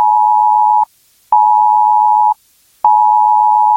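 A loud, piercing emergency alert tone from a mobile phone during the UK government's planned test of the emergency alerts system on Sunday 7 September at 3 p.m. A single steady pitch sounds in three long pulses separated by short silences, with no voices.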